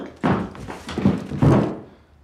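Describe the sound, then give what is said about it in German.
A person topples onto the floor: three heavy, muffled thumps land in quick succession, the last one loudest, then the noise settles into quiet with no voices. “Ach so, fällt ein normaler Mensch um.”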